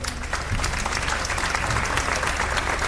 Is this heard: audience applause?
yes